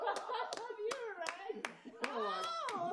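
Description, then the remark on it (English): About seven sharp hand claps in a slow, steady rhythm, like two people giving a sparse round of applause, with voices talking and chuckling underneath throughout. “We were all clapping earlier, and that was just you and I.”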